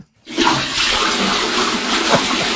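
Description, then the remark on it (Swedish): A toilet flushes with a sudden loud rush of water that continues steadily, a broad hissing gush, with no voices. “Spar på vattnet, det är vattenbrist i hela Sverige.”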